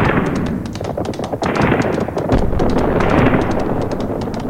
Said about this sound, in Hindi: किंतु दिल्ली वह तो रणस्थली भी रही है सदा से, सदा शत्रुओं से घिरी हुई, हमेशा रणवीरों के अश्वों की टापों को सुनती हुई, तेग तलवारों के टकराने और तोप के गोलों के फूटने की भयानक आवाजों के बीच खड़ी हुई।